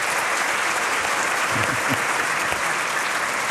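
Steady, dense applause from a crowd, a continuous crackle of many hands clapping at an even loudness throughout, with a few faint voices briefly audible underneath.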